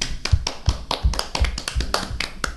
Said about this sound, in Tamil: அவங்களுக்கு எல்லாரும் கைக்கு தட்டுவோமா?